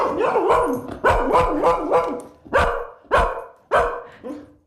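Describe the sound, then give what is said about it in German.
A dog barks loudly: a quick run of sharp barks, then four or five more spaced out, with no one talking. “Dann ist eure Katze jetzt möglicherweise irritiert und euer Hund horcht auf. Wir können es mal ausprobieren.”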